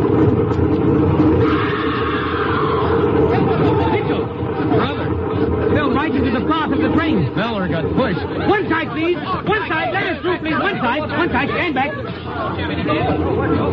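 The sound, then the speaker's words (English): A dense crowd on a railway platform murmurs and chatters continuously, many overlapping voices forming a steady babble over a low rumble, with no single voice standing out. “That crowd over on the platform.”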